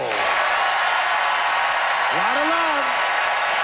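An audience applauds to vote by applause for a debate speaker, in a dense, steady wash of clapping that stays loud throughout, with a short rising whoop of a cheer cutting through partway in.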